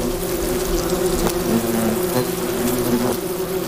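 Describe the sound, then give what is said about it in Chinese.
Hornet workers buzz in a steady, low-pitched drone that holds constant throughout, with a few faint clicks breaking through the continuous hum. “作为回报，幼虫会为胡蜂工蜂提供一种营养丰富的分泌物，因为成年胡蜂已经无法自己消化固体食物。”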